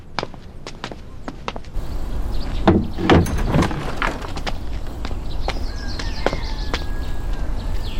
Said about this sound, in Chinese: 去咱上开门看看去。